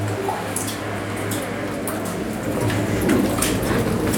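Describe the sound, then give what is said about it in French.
Steady low rumble of road traffic with cars passing, swelling a little in the second half, with short hissy bursts of tire noise over a constant hum. “On les entend, les bagnoles.”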